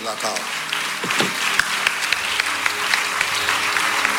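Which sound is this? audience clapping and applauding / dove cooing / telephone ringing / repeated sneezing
audience clapping and applauding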